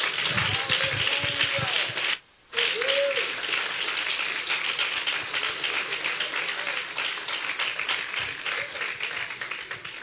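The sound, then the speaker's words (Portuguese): A church audience applauds Jesus with loud, dense, steady clapping that fills the whole clip, broken only by a brief dropout early on, with faint voices mixed into the crowd noise. “Quantos pode aplaudir Jesus?”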